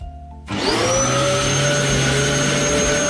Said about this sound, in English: Do you know what that is? Yeah, it's a vacuum.